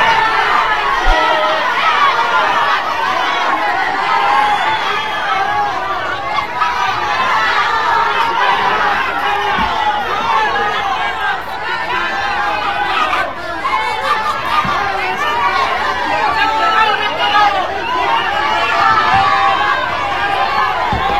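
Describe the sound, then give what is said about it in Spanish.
A loud, dense crowd uproar with many voices shouting and clamoring at once, sustained throughout without a break, as the crowd appears to tell two politicians, one the Morena party president, to leave. “Bueno, pues ahí está justamente esta algarabía que se vivió.”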